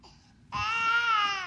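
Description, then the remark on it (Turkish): A baby cries out in a single sustained, high-pitched wail that starts abruptly and holds steady and loud, after a brief softer whimper. “O da bir bebek.”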